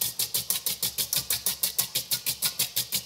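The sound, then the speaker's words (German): Rapid, steady whisking of zabaglione in a bowl, a fast rhythmic swish-clack repeating about six times a second over a low droning hum, rather like an old washing machine churning. No voices. “Ja, das hört sich an wie Omas alte Waschmaschine, was du hier gerade machst.”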